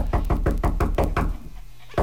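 Rapid knocking on a wooden door as someone arrives, about eight quick, evenly spaced raps, then a brief pause before one more knock at the end.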